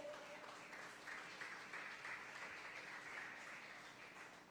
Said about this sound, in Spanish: A su nombre y gloria, dele palmas al Señor.